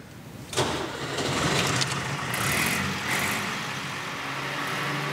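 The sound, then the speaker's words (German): A vintage Schlüter tractor engine cranks and catches about half a second in, then runs with a steady, loud, low rumble and a rattling mechanical chug, with no talking. “Schlüter hat einen ganz bestimmten Sound, einen ganz bestimmten Motorsound.”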